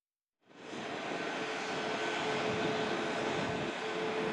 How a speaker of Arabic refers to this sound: وكان مراسلنا قد رصد انطلاق الطائرة من مطار دوسلدورف إلى مطار دمشق الدولي.